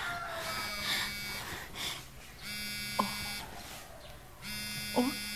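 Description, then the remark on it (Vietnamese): A mobile phone rings in repeated buzzy bursts, three strong pulses of dense harmonic tone with short gaps between them, loud and insistent, with a few faint clicks and a brief voice in the background. “Trời ơi, cái thằng này làm ơn nghe máy giùm tôi một cái đi, tôi đang lu bu cũng chết đây nè.”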